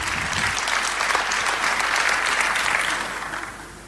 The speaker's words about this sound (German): Ich freue mich auf Fragen. Dein Applaus. Vielen Dank.